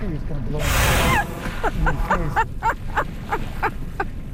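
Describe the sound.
A loud, breathy whoosh of a whale surfacing and blowing right beside a drifting boat with its engine cut, lasting about half a second, followed by softer voice-like sounds.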